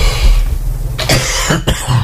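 A person coughs a few times in quick, harsh bursts, loud, over a low steady background hum.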